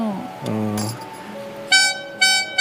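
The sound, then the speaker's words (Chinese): A small toy horn, one of a pile of toys used as instruments in concert music, honks three times in short, bright, buzzy blasts, loud, following a brief stretch of people talking. “这边一堆玩具，像小喇叭。”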